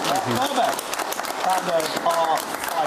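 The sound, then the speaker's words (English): A crowd breaks into steady, dense applause, many hands clapping at once in a loud, continuous patter, with a few voices and cheers rising faintly through it. “Big round of applause.”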